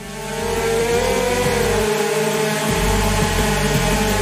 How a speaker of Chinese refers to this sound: 只见无人机缓缓飞向墙面，一下又一下的撞击，神奇的一幕出现了。有了铠甲保护的无人机，连续撞墙后，桨叶不受撞击影响，仍能保持稳定的飞行状态。